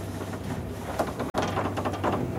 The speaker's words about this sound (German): Achtung, it's a very old elevator. Achtung, es ist ein sehr alter Aufzug. You have to keep this door to push them, to push them. Man muss die Tür festhalten. It's like a museum. Es ist wie ein Museum.